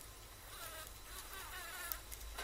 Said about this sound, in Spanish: Es una pelea de mosca. Te rompe la cabeza.